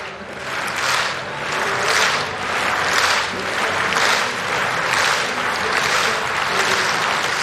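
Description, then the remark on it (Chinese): A large stadium crowd at a long jump competition claps together in a slow, steady rhythm, slowed at the request of jumper Davis-Woodhall before her last jump, about ten broad, hissing waves of applause rising and falling at an even pace, with a constant murmur of crowd noise underneath. “他在让现场观众们的这个掌声节奏呢稍微变慢一点。”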